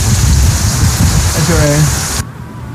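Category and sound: nature, heavy rain falling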